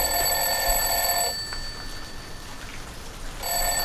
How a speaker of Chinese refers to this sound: 这闹钟都响了，这孩子怎么叫不起来呀？